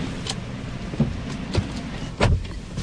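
Someone settles into a white Hyundai sedan in an underground car park: a few sharp clicks and dull thumps from the door and interior, spaced apart, over a low steady rumble.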